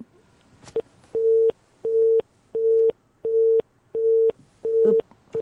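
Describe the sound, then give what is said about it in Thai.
A telephone busy tone after a dropped call pulses steadily, about seven short, even beeps in a regular on-off rhythm, clear and fairly loud with no one speaking. “ทำท่าเหมือนจะได้ยินแล้วก็แว็บเดียวแล้วหายไปอีกแล้วฮัลโหลอ่ะโทรใหม่ได้ไหมโทรใหม่อีกรอบหนึ่งได้ไหม”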